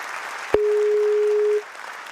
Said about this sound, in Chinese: 谢谢，感谢大家的掌声。谢谢。